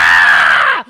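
A single loud, sustained scream lasts most of a second, then cuts off abruptly into a brief low tail. No talking accompanies it.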